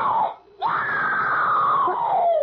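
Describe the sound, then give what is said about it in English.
A brief cry cuts off, then a long, sustained scream rises sharply and slowly falls in pitch over two seconds. It has a thin quality, with no talking. “I heard it, too. Someone screamed.”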